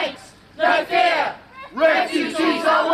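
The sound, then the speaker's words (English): A loud crowd of protesters marching towards a town facility housing unaccompanied minor asylum seekers shouts in two sustained bursts of many overlapping raised voices, with a brief lull between them, chanting and yelling in protest. “They're a loud crowd, but it's clear they're more noise than numbers.”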